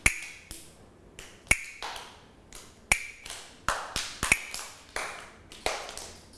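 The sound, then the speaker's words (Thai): Sharp wooden clacks from Thai wooden hand clappers strike one after another in a slow, fairly steady beat, about a dozen crisp hits with short ringing decays and no voices. A teacher plays a slow-tempo rhythm signal that children follow with slow movements in a morning exercise activity. “เดี๋ยวเรามาดูเครื่องดนตรีนะคะชิ้นนี้ที่จะมาให้เสียงสัญญาณจังหวะค่ะกลับมือนั่นเองค่ะเด็กๆรู้จักกันทุกคนเลย”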